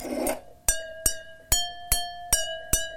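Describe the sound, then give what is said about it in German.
Water-filled drinking glasses are tapped six times at a steady, even pace, each strike giving a bright, bell-like ringing tone that sustains between hits, preceded by a brief scraping noise. “Also, ich versuche mal, zwei Töne zu finden, die irgendwie gut zusammenpassen.”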